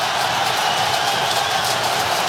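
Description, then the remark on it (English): A steady, dense roar of Paraguayan football fans cheering in a stadium during a Paraguay–France match as players shove each other after a free kick, loud and continuous with slight surges, and no distinct voices standing out. “And the cheering you hear is actually the Paraguayan fans who are loving this.”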